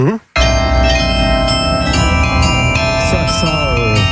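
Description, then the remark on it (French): Carillon bells in Saint-Amand, France ring out loud in an overlapping melody, their long metallic tones sustaining and blending together, after a brief silent gap at the very start. “On a une école aussi de carillon à Saint-Amand.”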